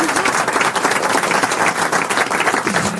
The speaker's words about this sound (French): Ouais, vraiment on peut l'applaudir. Ouais. Très fort, déjà.